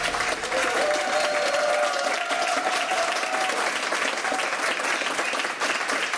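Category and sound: crowd, studio audience applause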